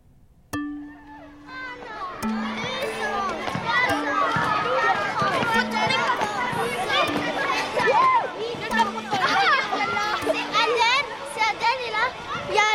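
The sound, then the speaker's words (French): A crowd of children shout, squeal and call out over one another while running around in a playground game of tag, a steady, lively din. “Loup glacé, policier voleur. Ah, oh, non. Épervier.”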